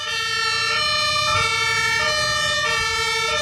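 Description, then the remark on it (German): Several emergency sirens from ambulance, fire brigade and police vehicles wail together, overlapping two-tone pitches alternating steadily over a low rumble of vehicle engines, loud and continuous, during an emergency demonstration on the ADAC driving safety training ground in Laatzen near Hannover, Germany. “Johanniter Feuerwehr und Polizei demonstrieren auf dem Trainingsgelände des ADAC in Hannover den Ernstfall.”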